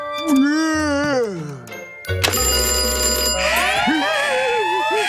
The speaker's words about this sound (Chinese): 危险警报！谁来了？